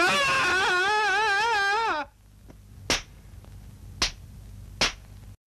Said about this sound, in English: Hear that yelling? Sure I did. And it sounds quite close.